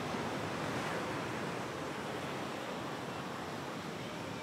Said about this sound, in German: Und dann kommt, wie jedes Mal völlig überraschend, das Wasser zurück. Wer zu Fuß da ist, kann es gelassen nehmen.